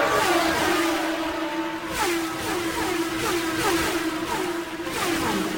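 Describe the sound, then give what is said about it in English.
Loud, continuous roar of race car engines accelerating on the backstretch, with Unser, Fittipaldi and Michael Andretti in line and the Mercedes running 1-2, rising pitch sweeps as the cars shift up and scream past in quick succession. No one speaks. “Michael Andretti apparently content right now to watch those Mercedes run 1-2.”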